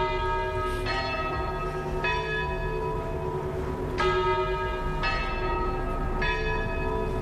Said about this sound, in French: Accueil avec le son des cloches.